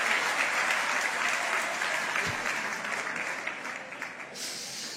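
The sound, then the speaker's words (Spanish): An audience claps steadily during a sermon from a pulpit, a dense wash of many hands that stays loud throughout, tapering slightly toward the end with no voices clearly heard. “Ay, hay mujeres que no están aplaudiendo.”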